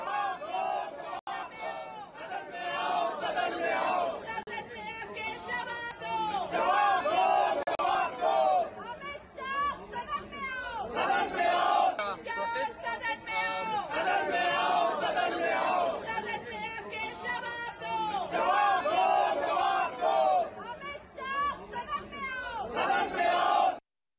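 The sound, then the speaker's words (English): Opposition MPs led by Congress MP Pawan Khera, carrying toy monkeys at a demonstration in the Parliament complex, shout slogans against Prime Minister Modi in loud, rhythmic unison, chanting call-and-response bursts that repeat steadily over a constant din of voices. “Opposition MPs led by Congress Member of Parliament Pawan Khera today staged a demonstration in Parliament complex carrying toy monkeys and raised slogans against Prime Minister Modi.”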